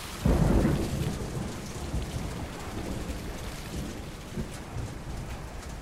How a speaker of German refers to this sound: Der Sturm wird immer heftiger. Das Wasser schießt über den neuen Markt.